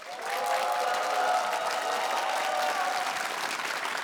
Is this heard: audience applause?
yes